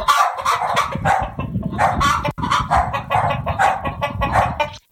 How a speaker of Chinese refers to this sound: 结果呢，呢啲鸡同狗都一起飘咗上天空，一时之间向空中嗰啲云里边传嚟鸡叫声、狗叫声。